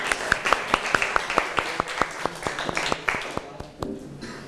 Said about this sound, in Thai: ก่อนอื่นปรบมือให้กลุ่มที่หนึ่งก่อนเลยค่ะ